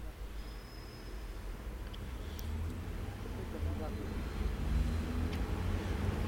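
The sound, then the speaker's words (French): A fruit and vegetable truck marked Charles Prévost rumbles along Boulevard Saint-Germain, between Mabillon and Saint-Germain-des-Prés, its low engine noise swelling steadily louder, set against a constant wash of background traffic. “Un camion de fruits et légumes, Charles Prévost.”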